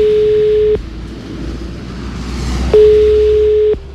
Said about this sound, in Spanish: Así que le llamamos por teléfono.